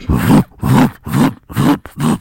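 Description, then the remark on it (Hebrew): A voice imitates the thumping bass of a car passing by on a street in Jaffa, as heard while lying in bed: five deep, rhythmic vocal pulses, each a low growling burst with short gaps between, fairly loud. “ואתה יודע שעבר אוטו, עם באסים.”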